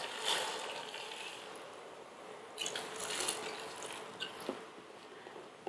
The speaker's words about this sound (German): Und zwar, wenn Sie das jetzt sich ansehen, dann sind diese Linsensuppe, die 400 Gramm, sind vorgekeimt. Und Sie sehen schon, dass das viel mehr ist als 400 Gramm trockene. Ich gebe sie in das kochende Wasser hinein.